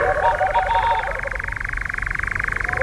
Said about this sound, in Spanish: es ese sonido pulsante de fondo que escuchamos de detrás, que es el reclamo, la llamada del mochuelo boreal. Un ave de los bosques del norte de Europa, sí. De la taiga, que encuentra cobijo en los bosques del Pirineo.